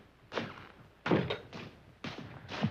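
A cobbler's door thuds heavily, with a cluster of five dull wooden bangs and rattles spaced unevenly over a few seconds. No voices are heard.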